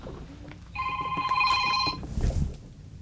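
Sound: telephone ringing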